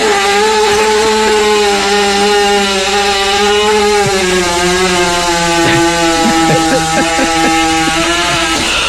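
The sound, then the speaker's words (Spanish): A loud, drawn-out horse fart with a harsh, buzzing engine-like drone, much like a running chainsaw, holding steady for about nine seconds before breaking into sputtery bursts near the end. “Venga, no, eso era un caballo, ¿verdad? Que prendía una motosierra.”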